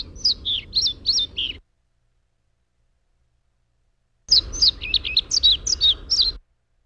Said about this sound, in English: And this is a male pied flycatcher and what their bird song sounds like before they've mated.